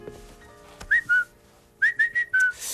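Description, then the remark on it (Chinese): A person whistles an imitation of a cuckoo call: a clear two-note phrase, the second note dropping, followed by a quicker run of four pure, mid-high whistled notes, with no talking. “这不就布谷鸟吗？”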